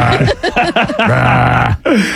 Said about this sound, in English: He's going to burp. He's going to burp soon.